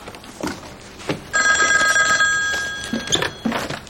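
A telephone rings with a steady electronic trill for about a second and a half, fairly loud, amid faint background clatter and movement.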